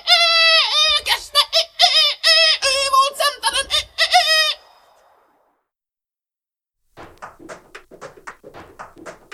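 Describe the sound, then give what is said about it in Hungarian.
A rooster screeches loudly in a rapid series of harsh, strained cries for several seconds, then falls silent; after a pause, a voice begins speaking quietly. “A kakas torka szagadtából sivalkodott.”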